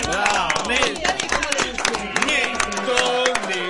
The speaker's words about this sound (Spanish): ¿Damos un aplauso, Mirta?